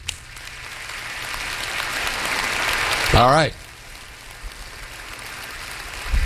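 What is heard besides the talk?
audience clapping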